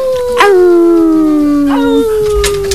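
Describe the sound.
Someone imitates a wolf howl with their voice: a long, loud wail that slowly slides downward in pitch, breaking briefly before trailing on again.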